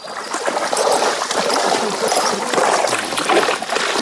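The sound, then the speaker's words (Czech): Steady splashing and churning water that keeps going without a break as a horse bathes and thrashes around in water to cool off. “Jdeme k vodě, aby se ochladili a trošku si zařádili.”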